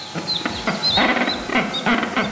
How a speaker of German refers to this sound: So klingen sie, die Felsenpinguine. 10 Jungtiere werden derzeit von den Pinguineltern liebevoll aufgezogen.